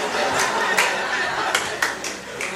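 A crowd claps steadily, a dense wash of applause with a few sharper claps standing out, a bit of chatter mixed in underneath.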